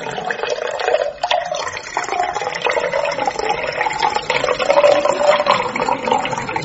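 A drink pours steadily into a tall glass, a close, continuous gurgling splash lasting several seconds with no one talking over it.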